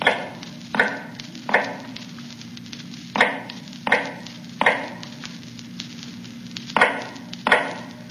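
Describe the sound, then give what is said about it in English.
Sharp hammer blows of an old man making shoes in the dark in North Tower cell number 105 strike at an uneven, unhurried pace, around nine in all, each a dull knock with a brief ring, over a steady low hum. No one speaks. “Now in the North Tower, cell number 105 is heard all day, a low, hammering sound.”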